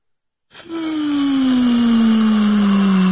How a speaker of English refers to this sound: You hear that, guys? That is the air being let out of the balloon. Best way that I can describe it.